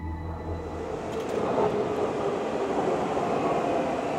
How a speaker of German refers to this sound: Im Untergrund von Daegu begrüßt den Fahrgast die einfahrende Metro. Sie gehört zu den modernsten U-Bahnen in Korea Natürlich mit Handy und Internetempfang in jedem Wagen.